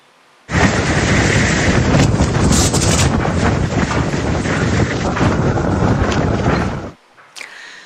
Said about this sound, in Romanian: Imagini uluitoare vin din Irak, acolo unde o furtună de nisip a lovit puternic o regiune din vestul țării.